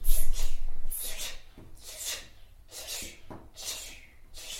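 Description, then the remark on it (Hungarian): A child imitates a dripping tap with a series of about six short, hissy mouth bursts, spaced roughly a second apart in a steady rhythm, with no talking. “Csöpögős csap.”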